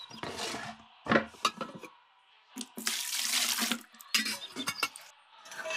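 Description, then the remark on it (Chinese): Tap water runs in uneven bursts, splashing and gurgling into a kettle being filled to boil water, with a few hard clunks and knocks of handling between the gushes; no one speaks. “哦，暖壶没水了，我烧水。”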